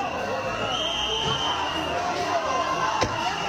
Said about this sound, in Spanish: Pero tengo que decirte que el ministro ha hecho estas declaraciones desde Ceuta, donde ha sido recibido con abucheos como estos.